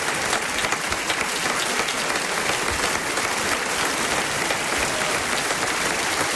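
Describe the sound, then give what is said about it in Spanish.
Steady, dense audience applause for the actors of a dramatized version of Joseph Conrad's La Taberna de las Dos Brujas fills the whole stretch, many hands clapping together at a constant loud level without pause or voices. “Y el aplauso para nuestros actores.”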